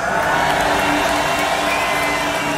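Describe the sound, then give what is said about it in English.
A huge crowd at the Tomorrowland festival cheers and roars continuously, a dense wall of shouting and whooping with scattered applause that stays loud and steady throughout. “Tomorrowland, if you're feeling good, if you want to do this one more time, please make some noise.”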